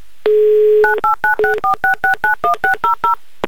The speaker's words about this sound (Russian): я прямо сейчас набираю ваш номер телефона.